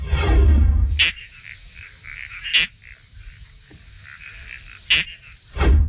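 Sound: toadlet frog call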